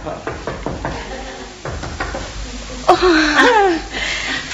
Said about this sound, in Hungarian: Az a baj, hogy nagyon hangosan szuszogsz. Szuszogok.